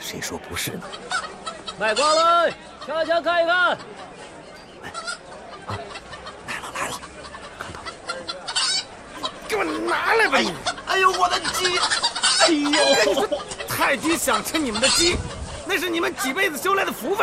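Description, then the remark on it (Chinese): Chickens cluck and squawk in repeated agitated bursts at a busy village market as they are snatched from a vendor, with a loud flurry of cries early on and a dense, clamorous stretch later, mixed with voices. “哎呦我的鸡！”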